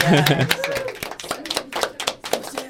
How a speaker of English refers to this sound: That you can clap. I think you should.